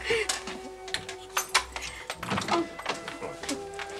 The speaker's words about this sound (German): Nun, lass mich erst mal die Tür zumachen, ja?